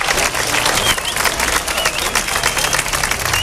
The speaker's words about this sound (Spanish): Esta ha sido la ovación y el paro al que se han sumado también otros dos centros escolares más situados en las inmediaciones.